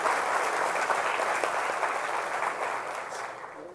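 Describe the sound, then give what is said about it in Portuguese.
A crowd at a ceremony in Itatiba, Brazil, claps for all the honorees present in steady, dense applause, many hands blending into a continuous loud patter that holds strong before easing off slightly toward the end. No one speaks. “Por isso que queria pedir uma salva de palmas para todos os homenageados que aqui estão presentes.”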